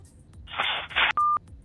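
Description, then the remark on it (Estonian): After a caller hangs up, a burst of harsh telephone-line hiss and static, then a single short, steady electronic beep on the line, with no one speaking. “Nii, seal pool visati toru ära, pole hullu midagi, saame veel natukene siin kõnesid vastu võtta,”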